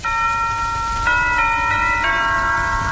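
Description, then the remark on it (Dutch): Church bells ring out a slow melody, one resonant note struck about every second with long ringing overtones overlapping, fairly loud against a low background rumble and no voices. “Ja, de kerkklokken die speelden ook, kom er eens kijken.”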